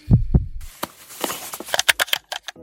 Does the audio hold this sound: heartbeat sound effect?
yes